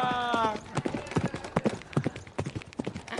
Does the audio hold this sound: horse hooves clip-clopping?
yes